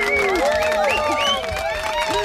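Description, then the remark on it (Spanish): A lively audience claps and cheers together for the show's sound technician, with many overlapping whooping voices rising and falling over a steady wash of applause, loud throughout. “Un fuerte aplauso para él, por favor, un fuerte aplauso.”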